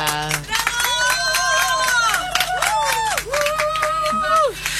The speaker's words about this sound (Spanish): aquí está con nosotros Pampi Torres, para quien pido un fuerte aplauso.